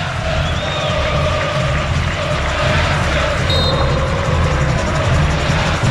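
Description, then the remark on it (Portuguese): A football stadium crowd at Vila Belmiro roars steadily during a Santos match as a free kick is awarded to Santos, a dense, loud wash of voices with no pauses, plus a couple of brief high whistles cutting through the din. “E a torcida continua se animando na Vila Belmiro. Sinta o clima na Vila.”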